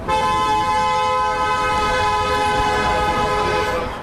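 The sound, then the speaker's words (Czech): A loud horn from a car passing a procession marching through Pohořelice blares in one long, unbroken note for the whole stretch, steady in pitch, with faint traffic rumble underneath and no voices. “Průvod jde přes Pohořelice v jednom místním pruhu, projíždějící auta troubí, těžko říct, jestli na znamení podpory nebo naopak protestu.”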